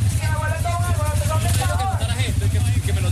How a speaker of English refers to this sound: Every half hour, a new caravan of motorcycles leaves a central park in Caracas, headed for La Guaira.